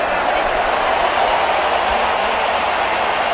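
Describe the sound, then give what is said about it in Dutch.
A huge stadium crowd at a World Cup football match, with Mexico leading, sings and chants together in a steady, loud, unbroken wash of voices that fills the whole clip with a dense roar. “Je hoort het, de liederen die gaan door.”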